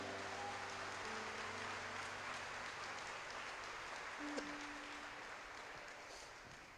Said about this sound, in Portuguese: Será que tem alguém vivo aqui para dar uma glória a Deus? Então aplauda o Messias.